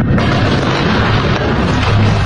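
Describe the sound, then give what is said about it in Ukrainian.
A loud, deep explosion from a missile strike in Ukraine fills the whole moment, a heavy booming roar with rumbling low end that stays dense and sustained rather than fading quickly. No voices are heard. “Ми вкотре прокидаємось від гучних прильотів.”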